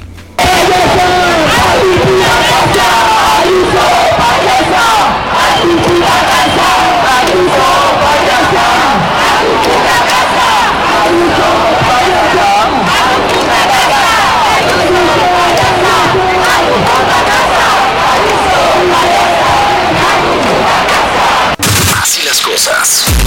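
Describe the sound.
A large protest crowd at a demonstration telling the president of Madrid to go home chants loudly and continuously in rhythmic unison. Many voices rise and fall together amid sharp bursts of noise, until the sound cuts off abruptly near the end.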